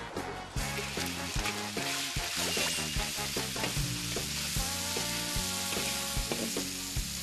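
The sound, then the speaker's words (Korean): Food sizzles steadily in hot fat, collected pork lard used alternately with vegetable oil, in a single pot over one fire: a dense, crackling hiss that stays loud and even throughout, with a run of low musical notes playing underneath. “기름도 돼지 비계 기름을 모아뒀다가 식물성 기름과 함께 그때그때 번갈아가며 사용합니다.”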